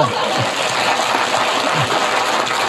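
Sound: audience applause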